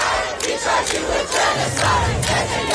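A large crowd in New York shouts and chants in protest against Netanyahu near the United Nations, voices surging in loud, rhythmic waves with no single speaker standing out, a steady roar of many people throughout.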